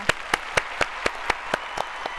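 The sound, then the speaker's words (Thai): Audience applause for two people who both answered a quiz question correctly: a steady, even run of about ten sharp claps in a quick regular rhythm over a constant hiss of background clapping, moderately loud, with no talking. “ข้อนี้ตอบถูกทั้งคู่เลยค่ะขอเสียงตบมือด้วยค่ะ”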